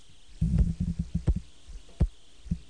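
A replacement St. Jude mechanical heart valve clicking: sharp, crisp clicks riding on low, thudding heartbeats, repeating in an uneven rhythm after a short quiet start, with no talking.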